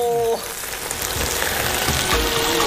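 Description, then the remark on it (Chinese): Loud, steady sizzling and crackling of a fish head being put into a clay pot and frying without any water added, a dense hiss with scattered pops, preceded by a brief voiced exclamation at the very start. “哇，我们要下鱼头喽！”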